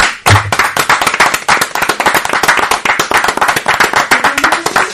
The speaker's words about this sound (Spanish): Te despedimos a telón abierto y con nuestro mejor aplauso.